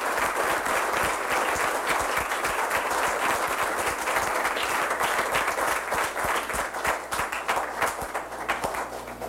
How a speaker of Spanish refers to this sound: Así que vuelvan a aplaudirlo y no me canso que le aplaudan, por favor aplaudan, aplauden al Sagrado Corazón, aplaudan, aplaudan al Sagrado Corazón. Aplaudamos al Sagrado Corazón.